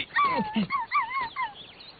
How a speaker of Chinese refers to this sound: 啊，原来是只小狗